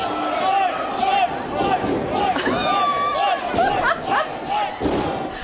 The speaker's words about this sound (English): Is that someone being slammed onto the mat or whatever? Yeah, it's full on. And it's very acrobatic as well.